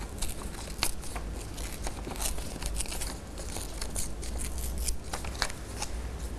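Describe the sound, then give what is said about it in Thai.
Colored paper is torn slowly by hand by a teacher into the shape of an animal, a steady crackly rip broken by small sharp snaps and rustles that continues throughout, with no one speaking. “ก็จะใช้มือนะคะค่อยๆฉีกกระดาษค่ะ”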